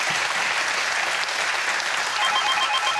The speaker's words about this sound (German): Der Applaus geht zu Ihnen nach Buchholz in der Nordheide.